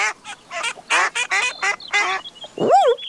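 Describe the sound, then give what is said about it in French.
Ducks at a large pond quack in a lively, rapid series of harsh, nasal calls, with a few overlapping squawks and a rising final honk-like call; no speech. “Quand il entend... Oh. Tiens, des canards.”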